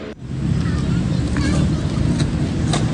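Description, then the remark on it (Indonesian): A steady, heavy rumble of road traffic on Jalan Jenderal Ahmad Yani beside a skatepark in Rawasari, Central Jakarta, engines of cars and motorbikes roaring past in a continuous wash, with faint higher clatters and voices mixed underneath. “Deru mobil dan sepeda motor di Jalan Jenderal Ahmad Yani tak mengalihkan perhatian para pemuda di Taman Link In Park, Rawasari, Jakarta Pusat.”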